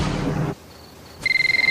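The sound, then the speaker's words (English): After a burst of rough noise and a brief lull, a telephone hidden behind a sofa cushion starts ringing at 2:30 in the morning with a bright, rapidly pulsing electronic trill, fairly loud. “Ricky, dozing on the sofa, pulls the phone out from behind a cushion.”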